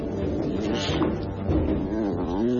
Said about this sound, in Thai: แต่ทันใดนั้นเองเบิ่มก็ได้ยินเสียงควายร้องมาจากใต้ถุนบ้าน